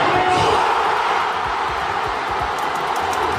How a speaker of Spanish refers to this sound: De nuevo, gritos también con el pitido final. Segunda estrella para España en una final de infarto que reunió a más de 32.000 personas en el corazón de Zaragoza.